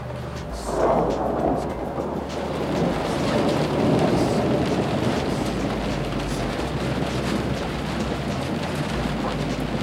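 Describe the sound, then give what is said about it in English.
A long, deep rumble of thunder from a passing lightning storm rolls in after the first second and lingers steadily over a constant wash of falling rain, with no voices present. “I think when we stop seeing the lightning and the thunder, then we'll get waves.”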